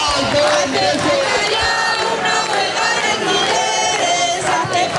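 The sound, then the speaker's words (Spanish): A large protest crowd against housing speculation and high rents chants loudly and steadily, many voices shouting in unison calling for a general strike, with a rhythmic, repeated cadence that stays dense and sustained throughout. “Repiten cánticos llamando a la huelga general.”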